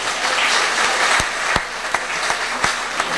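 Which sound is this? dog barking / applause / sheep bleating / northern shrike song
applause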